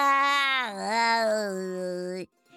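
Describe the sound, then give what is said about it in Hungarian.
A human voice imitates a cat's meow, voicing a little donkey in a story who disguises its voice: one long, drawn-out nasal cry lasting about two seconds, its pitch wavering up and down before cutting off abruptly. “S a kis csacsi elváltoztatta a hangját, és nyávogott egyet.”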